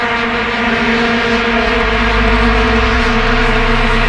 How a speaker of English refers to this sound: And I hear that the FIFA representatives have banned the Vuvuzela from all games. You know, that thing that makes the most annoying sound on the planet.